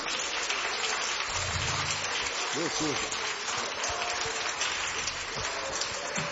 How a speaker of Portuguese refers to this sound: E as palmas para Jesus.